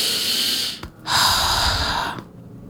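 A deep inhale through the nose followed by a short pause and a long, airy exhale through the mouth, loud and breathy with no talking.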